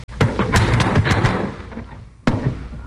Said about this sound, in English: Stand clear of the door. I'm going to crash it.